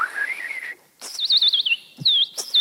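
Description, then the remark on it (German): A bird imitator whistles the songs of forest birds: a rising high note, a brief pause, then rapid warbling trills and chirps, fairly loud with no talking. “Und die Waldvögel werden sich vermutlich manchmal wundern über diesen Vogel auf 2 Beinen, der ihre Sprache spricht oder es zumindest versucht.”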